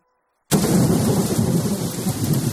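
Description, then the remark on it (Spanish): After a brief silence, a thunderstorm bursts in loudly: deep, sustained rolling thunder over a steady, hissing downpour of rain, continuous to the end. “Una tormenta, una helada o una sequía pueden cambiarlo todo.”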